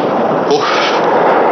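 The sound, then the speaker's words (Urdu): Loud, dense artillery fire from English cannons rumbles continuously, a thick wash of booming cannon noise with a slightly stronger burst midway through, unbroken for its short length. “جہاں بنا, یہ تو انگریزوں کی توپیں ہیں.”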